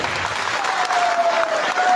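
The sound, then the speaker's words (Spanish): A crowd at an evening event in Oxapampa, Peru, claps steadily for two seconds for Pasco political leader Miguel Quispe, a dense, even patter of many hands at a fairly loud, constant level, with a faint thin tone humming underneath partway through. “Se trata de Miguel Quispe, quien recibió fuerte aplauso, por favor.”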